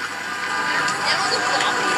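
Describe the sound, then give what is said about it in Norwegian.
A noisy street celebration motorcade in Fredrikstad after a match, with car horns honking amid a dense wash of crowd and traffic noise as people hang out of cars waving flags, steady and fairly loud throughout, played back from a phone held up to the microphone. “Det var tuting, og det var helt galskap.”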